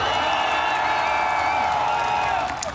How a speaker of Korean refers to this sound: 그리고 한 달을 잘 달려온 미라클 모두에게 스스로 박수.